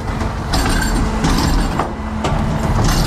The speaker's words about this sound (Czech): Popeláři právě vyváží popelnice na náměstí v Sedlci.